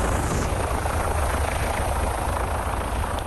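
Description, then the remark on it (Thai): A Chilean police rescue helicopter thunders steadily overhead, flying through rain above homes in Chile during a rescue of a family trapped on a roof by flash floodwater; its rotor produces a dense, continuous low-frequency roar with a broad wash of noise across the whole clip and no pauses. “ตำรวจชิลีโรยตัวลงมาจากเฮลิคอปเตอร์กู้ภัยที่บินฝ่าสายฝนอยู่เหนือบ้านเรือนของประชาชนเพื่อเข้าช่วยเหลือครอบครัวหนึ่งที่ถูกกระแสน้ำป่าไหลเชี่ยวกรากปิดล้อมจนต้องพากันขึ้นไปอยู่บนหลังคาบ้านก่อนที่จะช่วยทุกคนออกมาได้อย่างปลอดภัยค่ะ”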